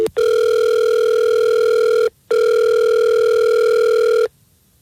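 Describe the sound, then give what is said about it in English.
An outgoing phone call placed live on the Fred Show morning radio show rings through the line: two long, steady electronic ring tones separated by a brief pause, clear and fairly loud, with no one talking. “Well, let's call Lisa and see if we can get her on the phone and figure this out.”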